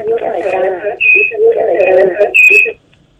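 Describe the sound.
A radio plays over a phone line, thin and boxy, with a steady stream of broadcast voices and faint whistly tones that cuts off abruptly near the end.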